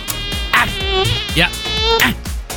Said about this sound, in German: Da war so eine. Eine Mücke. Plötzlich einen überrascht und dann doch sticht.